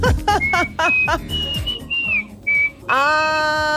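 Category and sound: human body sound, person whistling a tune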